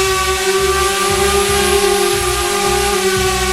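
A drone flies in the sky over a meadow in Lusatia, buzzing loudly and steadily, its whining motor tones holding a constant pitch over a hissing rush and a softly pulsing low rumble, with no voices.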